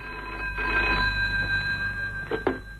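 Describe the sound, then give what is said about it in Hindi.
A telephone rings steadily for a few seconds, a call for a doctor, its bright tone sustained rather than pulsed, with a couple of soft knocks or clicks near the end and no one speaking. “Hello, doctor Ajit आपका telephone.”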